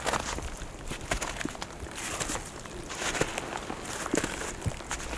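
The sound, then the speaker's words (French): Steady footsteps crunch along a densely wooded path, sheltered from the wind and a snow shower, a continuous irregular scuffing and crackling at a moderate level with no voices. “Nous marchons sur un sentier densément boisé.”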